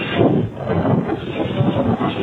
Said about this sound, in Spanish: Y esto tiene ambiente. ¿Podemos escuchar? A ver. Cómo llega la tormenta ya hasta Ayotas.